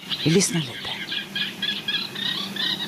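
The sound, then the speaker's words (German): Reed warblers sing a steady run of scratchy, chattering phrases repeated in quick rhythm, with a brief louder squeaky burst near the start. Heard in the middle of the night in Sweden on a live radio bird-song broadcast. “Wenig später übernehmen andere Vögel. Ja, wir haben kommit igång. Jetzt haben die Rohrsänger angefangen.”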